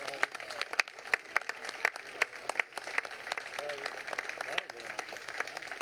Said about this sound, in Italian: della crew e dei nostri bambini che sono qui davanti, della ciurma, che vogliamo salutare con un grande applauso.